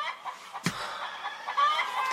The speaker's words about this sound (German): Hast du nicht den Hahn gehört, der dir sagte, dass es Zeit zum Aufstehen ist? Ja, auf dem Bauernhof kann man halt nicht so lange schlafen